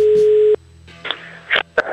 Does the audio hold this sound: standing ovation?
no